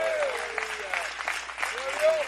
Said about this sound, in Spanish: ¿Cuántos alaban al Señor en esta hora? ¿Cuántos viven para Dios? Al Señor ese aplauso, déselo fuerte.